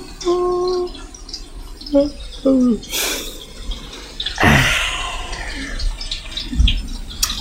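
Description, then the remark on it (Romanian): Steady rain patters throughout, with irregular drips and two louder splashy gusts of water midway. A few short tonal, voice-like sounds occur early on. “Și ploaia asta trage aso.”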